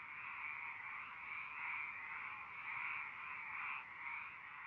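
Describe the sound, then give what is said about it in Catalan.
A dense, unbroken chorus of frogs croaking together, a steady buzzing wall of calls that holds at an even, moderate level throughout with no voices. “Des de notar l'absència del cant de les granotes en alguns indrets urbans”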